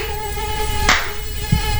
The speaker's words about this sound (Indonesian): Pantes. Gimana nggak banyak nyamuk coba? Baju kotor bukannya dicuci, malah digantung.